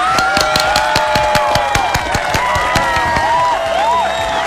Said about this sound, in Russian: А вам, друзья, всем аплодисменты!